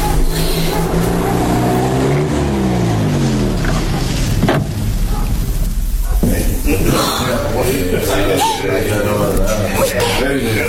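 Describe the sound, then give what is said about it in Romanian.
Vehicle engines rumble loudly, their pitch sliding downward as the cars pull up and slow to a halt in front of a prison, with indistinct voices mixed into the steady noise. “Uite, mașinile s-au oprit chiar în fața închisorii.”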